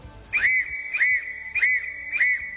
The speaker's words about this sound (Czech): Úkol zněl jasně odvysílat právě v Morzeovce pozdrav halo tady Impulzovi.